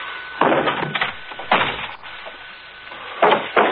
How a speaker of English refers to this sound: I'll kick open the door and you stand back.